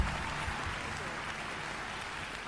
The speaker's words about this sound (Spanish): fuerte el aplauso. Muchísimas gracias.